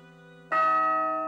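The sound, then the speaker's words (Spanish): A large bell, recently repaired after years of not ringing, rings out with one loud, resonant strike over the fading hum of an earlier toll, its rich metallic tone sustaining and slowly decaying. No voices are heard. “La mayoría no recordamos la última vez que oímos sonar la campana.”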